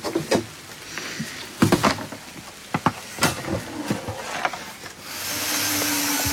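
Rain falls outdoors, starting as scattered pattering drops and sharp taps, then settling into a steadier, louder hiss near the end. No voices are heard.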